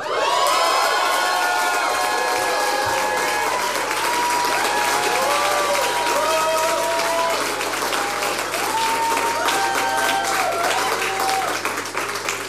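A large crowd applauds steadily for about twelve seconds as a guest is invited to the stage, dense clapping mixed with high-pitched cheers and whoops rising and falling over the top, loud throughout.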